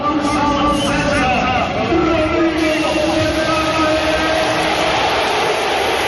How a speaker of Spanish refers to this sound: Esa ovación cerrada que se llevó el centrocampista de la selección española contrastó con los pitos a Frenkie de Jong.